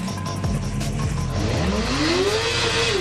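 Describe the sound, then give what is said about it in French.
A motorcycle brakes hard as the rider tries to lock the rear wheel and find the skid point: a steady low engine drone, then a rising, whining tire squeal as the locked rear wheel skids, lasting through the second half. “Il faut qu'ils comprennent le blocage de roue arrière.”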